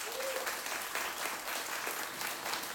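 An audience applauds steadily, a dense wash of clapping at an even, fairly loud level throughout, with no voices rising above it.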